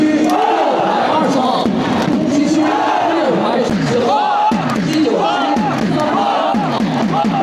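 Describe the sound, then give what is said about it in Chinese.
A large crowd of football fans cheers and chants loudly and continuously in the stands after Putian's 2-0 win over Sanming in the Fujian Min Super League, with rising and falling shouted voices merging into a dense, sustained roar. “看台球迷十分兴奋，两位台胞球员也热情与之互动。”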